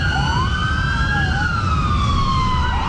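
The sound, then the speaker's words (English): A wailing emergency siren from paramedics and police cars rushing a child to hospital in Mississauga sweeps up and down in pitch over steady road rumble, loud, with no voices. “Paramedics and police cars rush a child to hospital in life-threatening condition.”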